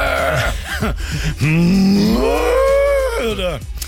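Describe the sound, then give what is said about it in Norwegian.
A person imitates a cow's moo, a loud drawn-out lowing call that rises and bends in pitch, preceded by a few short vocal grunts. “Eller som kuene sier, nytt mø!”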